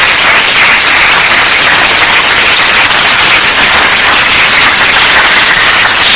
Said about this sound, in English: A round of applause.